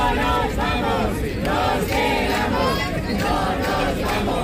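A large crowd of about 2,000 people at the protest encampment in Puerta del Sol, Madrid, chants loudly in unison at night, calling for an indefinite strike. Voices rise and fall in a steady repeated rhythm, with dense overlapping shouting throughout and no pauses.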